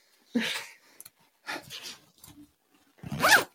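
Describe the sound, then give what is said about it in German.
A zipper is pulled three times in short, raspy strokes, each about half a second long and separated by brief pauses. The sound is fairly loud, with no talking. “Oh, das ist ein Reißverschluss.”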